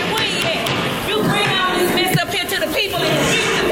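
A loud, dense crowd murmur of many overlapping voices at a Memphis City Council meeting that was put in recess over the disruptive crowd, steady throughout, with no single speaker standing out and an occasional soft thump beneath the chatter.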